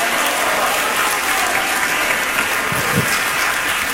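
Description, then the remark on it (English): A church audience claps their hands in sustained, dense applause lasting the whole stretch, loud and steady with many overlapping claps and no distinct speech. “Clap your hands, clap them, and say, praise the Lord.”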